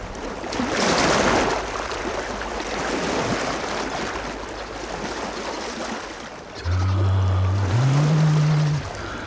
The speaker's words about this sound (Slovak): More. Pokojné, priezračné ako kryštál. Čisté ako čerstvo napadnutý sneh.